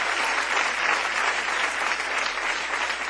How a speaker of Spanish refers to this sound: Un aplauso